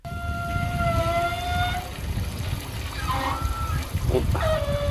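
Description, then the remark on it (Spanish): Water from an outdoor body shower at Palomares beach in Almería runs in a steady hiss and spatter, with a few drawn-out high-pitched whines or squeals cutting in over the flow. “Una ducha de cuerpo en la playa de Palomares en Almería.”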